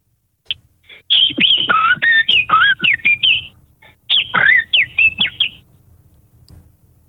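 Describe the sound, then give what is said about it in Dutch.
A person whistles an imitation of a blackbird's song: two clear phrases of fluting, warbling notes with quick slides and chirps, separated by a short pause, with no talking. “Ik wil de merel wel even horen.”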